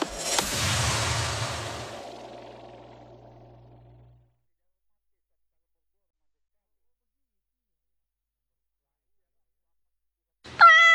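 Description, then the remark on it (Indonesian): A loud swooshing burst fades over a few seconds into silence, then a single short cat meow sounds at the very end. “Suka kucing? Suka di dekat kucing ketika kucing tidur?”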